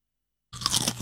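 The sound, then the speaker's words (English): After a brief silence, crisp potato chip crunching starts abruptly: a dense run of crackly, bright bites and chewing, steady and fairly loud, with no voices. “The Humble Potato Chip, a classic that is easily recognisable by sound alone.”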